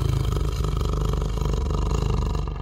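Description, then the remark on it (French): A tiger roars angrily, a loud, deep, rumbling growl that holds steady for a few seconds, with no voices. “En le voyant arriver, Shorka rugit de colère.”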